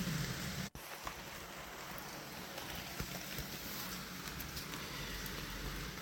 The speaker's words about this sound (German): Und jetzt geht es weiter mit Regengeräuschen von meiner Fensterbank.